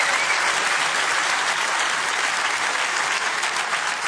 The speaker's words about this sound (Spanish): Y si tú lo crees, dale el mejor aplauso de este viernes al Rey de Reyes.